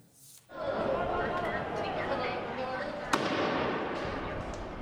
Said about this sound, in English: Another tense day in La Paz, with protesters blocking streets and lighting firecrackers, and police responding with tear gas.